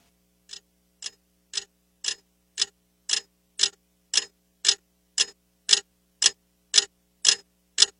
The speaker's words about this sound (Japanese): 部屋の中の物音は安っぽい目覚まし時計の針の音だけだった。